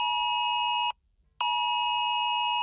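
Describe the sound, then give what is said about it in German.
A smartphone Cell Broadcast emergency warning tone, which sounds even in silent mode, blares loudly and steadily, cutting off briefly for about half a second before resuming in a second long, harsh electronic blast. No voices are heard. “Auch im Lautlosmodus gibt es Alarm und durchbricht jegliche Stummschaltung.”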